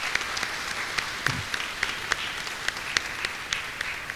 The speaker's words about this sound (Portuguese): Então, tá bom, obrigado a vocês, gente. Deus abençoe, uma salva de palmas.